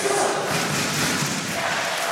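A large arena crowd cheers during the third set of a match in which Sweden is playing, in a steady, dense roar that holds at an even loudness for about two seconds, with a faint low thud early on and no clear voices standing out.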